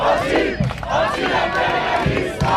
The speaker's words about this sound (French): Dans la foule également, des manifestants venus avant tout crier leur indignation face à la présence du G7 à Évian.